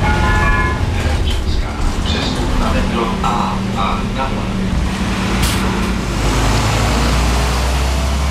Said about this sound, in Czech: Desítky cestujících v Praze ráno poprvé vyrazili do práce takzvaným tunelbusem. Spoj nově propojuje pražské Čimice a Dejvice. Autobus linky číslo 145 projíždí tunelem Blanka a trasu mezi Prahou 6 a Prahou 8 zvládne asi za 20 minut.